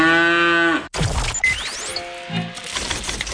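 A loud, drawn-out cow moo lasting under a second, followed by a burst of clattering noise and a shorter, fainter low moo in the background.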